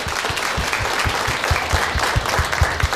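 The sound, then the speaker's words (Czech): A crowd applauds steadily, many hands clapping at once into a dense, even wash of claps that holds at a constant loudness throughout, with no voices over it. The applause congratulates a winner of the Czech Radio quiz programme Tobogán. “Maruško, blahopřejeme a tleskáme, posíláme odměny.”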